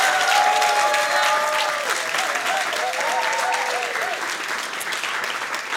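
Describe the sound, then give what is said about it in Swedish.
Sustained audience applause at the P4 Nästa Stjärna 2026 final, just before the winner is announced. A dense, steady wash of clapping plays at full volume throughout, with faint whistles and cheering voices rising and falling over it. “Jag tycker att vi, innan jag avslöjar vem som vinner, ge er alla en stor varm applåd.”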